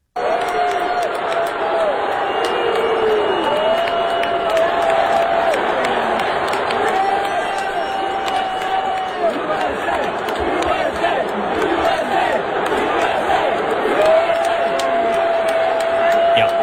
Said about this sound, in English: They booed him and chanted USA, apparently threw beers at him and everything, and he got tackled by security.